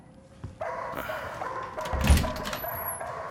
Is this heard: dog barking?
yes